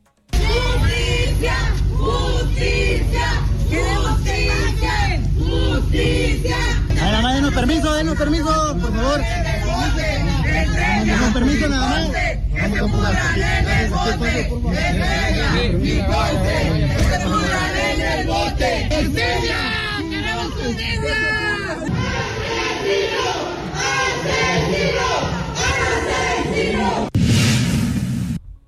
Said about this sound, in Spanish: Fueron capturados y bueno, pues ya había gente, familiares que estaban esperando y que gritaron consignas.